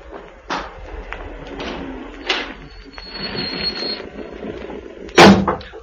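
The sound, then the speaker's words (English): A car pulls up just before dark: a steady mechanical rumble with scattered clicks and a brief high whine, ending with a sharp, loud door-like slam. No one speaks. “Listen, I can hear a car.”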